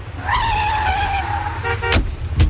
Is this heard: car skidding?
yes